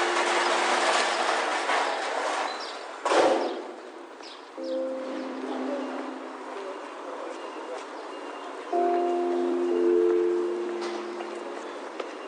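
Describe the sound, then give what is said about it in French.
Delivery trucks resupplying shops on rue Saint-Julien rumble and drone steadily, with rattling metallic clatter throughout and one sharp, loud clank early on, as low engine tones rise and settle again. “Un peu plus loin, en s'engageant dans la rue Saint-Julien, des camions, avec leur bruit de métal, ravitaillent les boutiques.”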